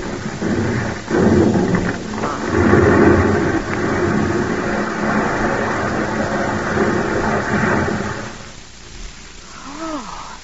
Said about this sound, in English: Oh. Oh! Paul, that's a slide! Paul, stop the car!